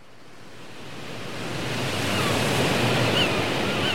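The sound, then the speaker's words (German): Steady roar of surf and wind, a broad wash of noise that swells gradually louder over a few seconds, like waves breaking on a blustery shore. No voices. “Wind und See und See und Wind und Wind und See und Wind, ich kann Ihnen sagen.”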